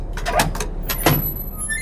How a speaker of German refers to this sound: Boah, quietscht die. Ja, die muss quietschen, damit ich höre, dass ich noch eine Tür habe, ne?